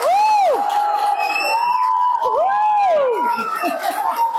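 A crowd cheers loudly throughout, with rising and falling whoops and shrill whistle-like cries over a steady roar of clapping and voices that lasts the whole clip.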